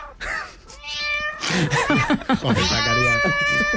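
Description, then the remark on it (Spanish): Played-back cat sounds: several loud, drawn-out cat meows with rising and falling pitch follow one another closely, some overlapping, with a brief burst of what sounds like laughter or chatter in the middle. “Son tres animales tranquilos, no como los que nos ha puesto”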